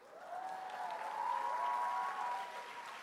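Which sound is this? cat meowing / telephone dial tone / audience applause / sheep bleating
audience applause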